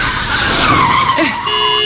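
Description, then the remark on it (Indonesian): A car brakes hard, its tires letting out a long, loud screeching skid with a wavering squeal that sweeps downward, followed by a steady tonal hum as the vehicle slows. “Dibilang rem, bukan gas. Fokus dong.”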